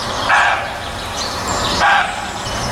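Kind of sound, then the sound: animal, roe deer buck barking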